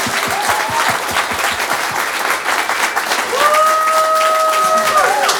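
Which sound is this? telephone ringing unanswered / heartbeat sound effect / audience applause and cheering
audience applause and cheering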